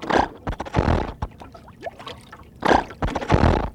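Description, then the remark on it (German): A boat engine cranks and sputters in two rough, uneven bursts with a brief lull between, coughing and gurgling without catching into a steady run. “Nun lass doch endlich den Motor an, damit wir weiterfahren können.”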